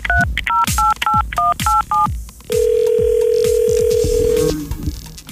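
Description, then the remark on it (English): A rapid string of about seven touch-tone dialing beeps, each a short two-pitch tone, followed by a steady ringback tone lasting about two seconds, with faint background rumble and thumps throughout, as Star 95 radio phones a listener for a Free Gas Friday wake-up call. “Let's see if we can get Jackie on the phone.”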